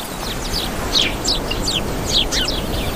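House sparrows chirp in a busy, overlapping stream of short, bright notes, repeating irregularly over a steady background hiss with no one talking.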